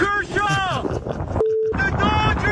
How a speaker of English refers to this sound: You ever make those cell phone calls in the wind? Like, I can't hear you.